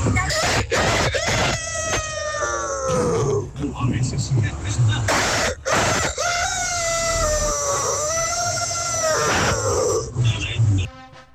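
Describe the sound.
A man imitates a rooster crowing as his hidden talent, on a call to the Tropicana radio station, giving two long, strained, rising-and-falling crows at high pitch, loud and raspy, with brief breaths and bumps between them.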